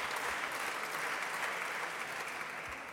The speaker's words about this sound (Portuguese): As ruidosas palmas do PSD, esta afirmação de Palma Ramalho.